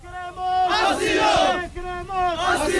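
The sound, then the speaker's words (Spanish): On Trampolín beach, after a police cordon is lifted, a crowd that has waited five hours in the rain shouts in unison demanding asylum: loud, strained voices chanting in two long sustained bursts, with a brief dip between them. “Escuchamos a la multitud pidiendo asilo”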